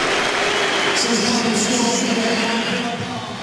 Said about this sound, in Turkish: Son düdük sesi geliyor. Fenerbahçe Aston Villa'ya deplasmanda 6-0 mağlup oluyor.